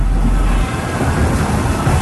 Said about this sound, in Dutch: regent en dondert gelukkig alleen maar op de radio.